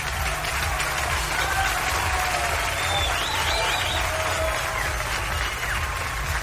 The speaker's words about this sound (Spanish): Fuerte el aplauso para este hermoso líder que sin duda alguna se ha puesto la 10.